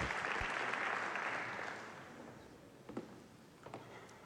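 Audience applause at the RAI presentation of its new schedules as RAI chief executive Giampaolo Rossi is called up to speak: a dense wash of clapping that is loudest at first, then thins and fades over a few seconds, with a few sharper claps near the end.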